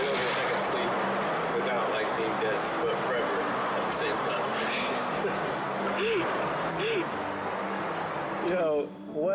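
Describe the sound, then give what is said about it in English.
A dog barks and yips in short bursts amid a noisy, crowded scene, with people talking over it and a steady background hum. “Dog, stop!”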